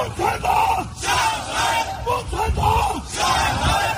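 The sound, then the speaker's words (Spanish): A crowd of Chinese exiles protesting in front of a hotel in Washington, USA, shouts slogans in unison against China's leader: loud rhythmic chanted bursts with brief pauses, many voices blending together with a busy outdoor roar underneath. “un grupo de chinos exiliados en Estados Unidos que se han apostado frente al hotel donde se aloja Xi Jinping en Washington para gritar consignas en su contra”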